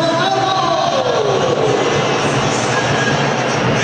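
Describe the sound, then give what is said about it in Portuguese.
A large stadium crowd at Beira-Rio applauds and cheers as the Inter team is shown on the big screen, Bernabé drawing the most applause, in a steady, loud wash of noise, with a brief gliding tone sounding over the roar early on. “Bernabé, o mais aplaudido, ó.”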